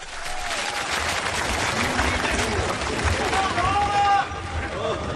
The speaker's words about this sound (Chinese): 本期节目当中，小楼为您请出郭德纲和于谦，这二位将为您合说一段学评书，咱们掌声请上这二位。